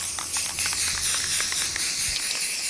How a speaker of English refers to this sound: And I set up all four in a line and just blasted down the line with some spray paint. So it was a relatively quick way to hit four things with paint all at once.